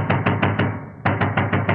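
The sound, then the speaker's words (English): Loud knocking on a door in two quick bursts of four firm raps, separated by a brief pause, with no voices. “Please open the door, sir.”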